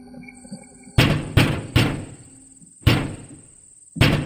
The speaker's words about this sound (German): Das Ziel lag nahe, so dass sie nach wenigen Minuten bereits vor der Tür Emidio standen und laut und vernehmlich klopften.